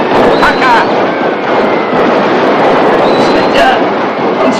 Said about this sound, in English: As the abandoned box of fireworks continues to blast in golden sprays of explosions